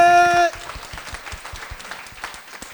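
A brief sustained musical tone cuts off, and an audience at a dharma assembly breaks into steady applause welcoming a teacher to lecture, many hands clapping in a dense, crackling patter that holds at a moderate level to the end.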